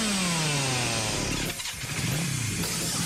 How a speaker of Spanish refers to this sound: Si el rugido del motor de un auto o moto te eriza la piel, este lugar es para vos.